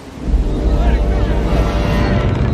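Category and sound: nature, storm wind at sea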